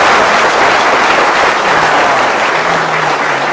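A large audience at a xiangsheng (Chinese crosstalk) performance bursts into loud, sustained applause, a dense wash of clapping that stays steady throughout with no one speaking over it.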